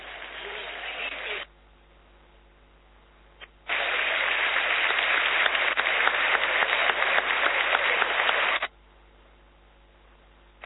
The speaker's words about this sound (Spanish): Aplauso respetuoso en todo el estadio para la memoria de Jorge Messi, el padre de Lionel.